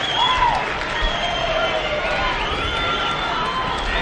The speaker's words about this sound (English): Hog fans, really the first time all day, something to cheer about. And they would love to put a crooked number on the board.